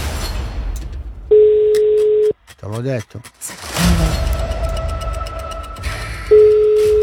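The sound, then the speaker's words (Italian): A steady, low ringback tone sounds twice as a call rings through to a listener's mobile phone, each beep about a second long with a long gap between, while people talk and shuffle in the background. “Primo Va. Squillo.”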